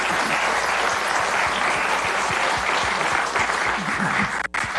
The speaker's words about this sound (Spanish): Muchas aplauso gracias. Para los jóvenes.